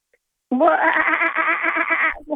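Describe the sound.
A person imitates a kookaburra call: a loud, continuous burst of rapid, cackling laughter-like voicing lasting nearly two seconds, wavering in pitch, with a brief second burst at the end.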